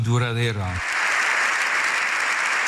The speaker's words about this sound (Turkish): Katoliklerin ruhani lideri Papa Leo İspanyol meclisinde konuştu. Silahla kalıcı barış tesis edilemez diyen Papa dakikalarca ayakta alkışlandı.